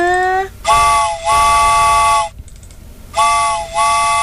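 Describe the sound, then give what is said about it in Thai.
A loud, chord-like train whistle sounds in two bursts, each a short toot running straight into a longer sustained blast, with a brief gap between them and no talking. “โอ้โหรถไฟก็ตกใจเลยเสียงดังเชียนะคะ”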